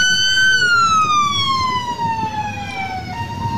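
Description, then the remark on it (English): A loud siren on an unmarked white van with its lights on wails steadily outside, its tone slowly sliding downward over a few seconds, with low traffic rumble underneath, as masked, armed ICE agents clear protesters from the street. “An unmarked white van with its lights and sirens on.”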